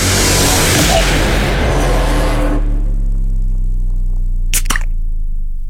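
A beer can is cracked open near the end, a sharp metallic snap with a brief hiss, following several seconds of broad rushing noise and a low steady hum.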